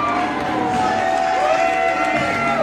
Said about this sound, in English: Young gets a big cheer.